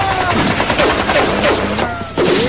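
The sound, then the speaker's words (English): Rapid bursts of gunfire from a group of men on a penthouse roof crackle continuously, loud, with dense overlapping shots like a sustained automatic volley and no pause throughout. “That suit of armor had better be bulletproof. It will save me, but you are doomed! Stop! If I have you in front of me... Put me down! Fire!”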